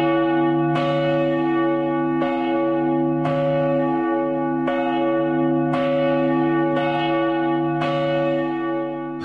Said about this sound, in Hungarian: A legnagyobb harang 1760 kg. Mi volt rajta a felirat? A reformátusok ősi himnusz, a 91-es oltárnak a nyitó verse, Te benned bíztunk elejétől fogva, Uram, és volt egy nyitott könyv, egy tekintélyes méretű harangról van szó.